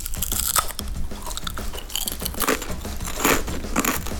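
Loud crunching of crispy potato chips, with repeated bites and chewing in an irregular rhythm that carries on throughout, no voices present.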